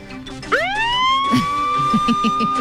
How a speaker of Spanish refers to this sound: Las alarmas, las sirenas.